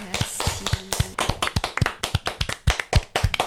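An audience applauds a singer after her performance with sharp, distinct claps in a steady, brisk rhythm, several per second, fairly loud throughout, with a faint murmur of voices underneath at the start.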